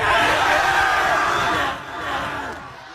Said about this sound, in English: Which is why here at Bishop Kelly, they celebrate that milestone, that sweet, fleeting moment between a parent and a child and a couple hundred screaming seniors.